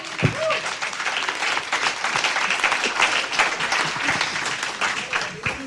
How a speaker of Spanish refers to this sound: Dale un aplauso al Señor, ¿qué les parece?